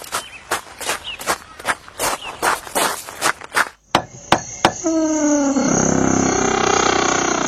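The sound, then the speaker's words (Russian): Quick, evenly spaced running footsteps patter for a few seconds, then stop; a few sharp knocks follow before a loud, sustained roaring sound takes over. “Ну что, я побежал?”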